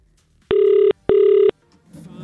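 A telephone rings twice in a steady electronic double burst, loud, followed by a brief silence and then a faint murmur of voices starting up.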